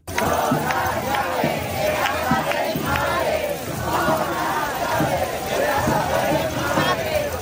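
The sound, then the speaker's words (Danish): A large crowd protesting the housing situation in Madrid, Spain, shouts and chants in loud, rhythmic bursts, while a bright metallic jangle of protesters rattling the keys to their parents' houses runs through the steady roar of many voices. “De har boet i telte på byernes pladser og torve, og de er raslet med nøgler til deres forældres huse, som de råber her i Madrid.”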